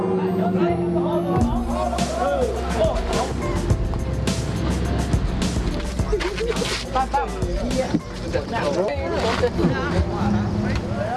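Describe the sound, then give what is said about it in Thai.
The boat Dara Sawan being launched into the water for the first time after a blessing ceremony, for the Ban Saeng Dao community, amid a loud, steady wash of water and motor-like rumble, with a crowd chattering and calling out throughout. “วันนี้สู่ขวัญครับพร้อมที่จะไปลองดู ทำขวัญเสร็จแล้ววันนี้ได้เลิกเอาเรือดาราสวรรค์ลงน้ำเป็นครั้งแรกไปตามลุ้นกันนะครับ”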